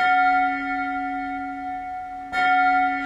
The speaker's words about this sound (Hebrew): היו אלה צלילי פעמון שהגיעו מרחוק, והצליל חזר על עצמו צלול וברור. 6, 7, 8, 9, 10. 12 צלצולים.